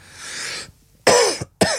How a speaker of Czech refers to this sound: Pardon, je to dneska to asi s kašláním, to chvilkama bude.